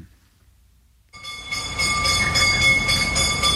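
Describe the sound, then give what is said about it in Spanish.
After a second of silence, a bell sound effect starts ringing in steady repeated strikes, its bright metallic tone sustained over a loud rumbling background like a train passing. No one speaks. “Con este sonido de campana cerramos el círculo del gas propano”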